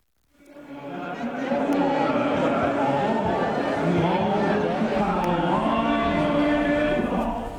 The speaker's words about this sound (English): Large crowds have already attended some of the mourning events that have been taking place so far. Let's have a listen to what is happening in Tehran at the moment.